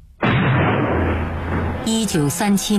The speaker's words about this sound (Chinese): 天边炮声隆隆，敌人来了。